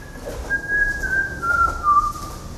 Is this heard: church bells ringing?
no